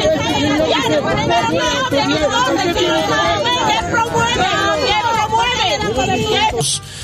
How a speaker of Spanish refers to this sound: Brindaba una declaración en la ciudad de La Paz. Increíble lo que ha pasado, le están abucheando, gritando, hueveando, así en términos le dicen, ¿no?